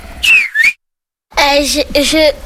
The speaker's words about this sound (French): Moi, je l'appelle Capi. Je prends un sifflet et je fais, il vient pas, mais je dis Capi.